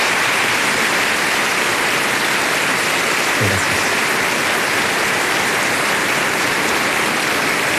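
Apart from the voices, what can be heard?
audience applause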